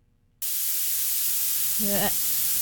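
Violet noise starts abruptly after a short silence, a bright, sharp hiss tilted toward the highest pitches, crackly like bacon frying, steady and loud, with a brief faint voice near the end.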